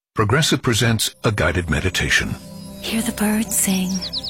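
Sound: birds singing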